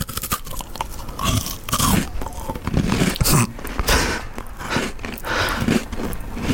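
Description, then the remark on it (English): Close-up crunching as someone takes a first bite of a crunchy biscuit and chews it right into the microphone, with loud, irregular crackling bursts repeating steadily throughout and no talking. “Okay, so I'm going to put this in my mouth and start eating”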